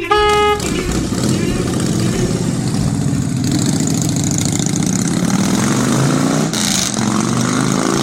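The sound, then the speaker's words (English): A motorbike engine idles with a steady, throaty low rumble that holds at a constant loud level for several seconds, after a brief high whine at the very start. “Keys, bike. Yes, there we are. I'm off.”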